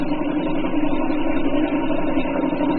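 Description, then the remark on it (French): A low-cylinder DK3 boat engine runs steadily, its rapid, even popping pulse continuing throughout at a constant, fairly loud level with no voices. “Pop, pop, pop, pop, c'est le nombre, c'est, si vous voulez, quand ça fait ça, c'est qu'il n'y a pas beaucoup de cylindres.”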